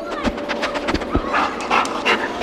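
A sniffer dog sniffs excitedly in quick, irregular bursts of short breathy snorts and pants, with faint snuffling between them and no talking.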